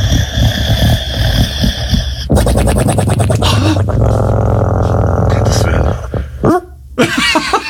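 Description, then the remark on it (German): A black French bulldog named Pablo snoring loudly: raspy, rattling snorts with a fluttering, buzzing texture, then a long wheezy drawn-out breath and a few short snuffles at the end. “Er kann natürlich unfassbar süß schnarchen.”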